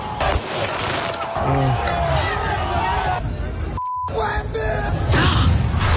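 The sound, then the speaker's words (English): A loud, dense street crowd at the Knicks title celebrations in New York City shouts and cheers continuously while fireworks bang and crackle through the din, with a few high whistling tones rising above the roar. “They decided to get all the fireworks out.”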